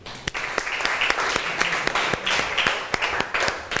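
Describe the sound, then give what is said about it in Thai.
A class breaks into steady applause for the classmates of group one after their work, many hands clapping in a dense, continuous patter with sharper individual claps standing out, sustained at an even level for a few seconds. “ขอเสียงปรบมือให้เพื่อนกลุ่มที่หนึ่งหน่อยครับ”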